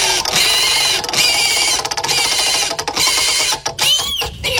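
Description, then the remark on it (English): A pig prize wheel spins with a loud, fast run of ratcheting clicks that rattle on steadily for several seconds, with no one talking; it is spun to pick which news story to cover. “Let's spin that pig.”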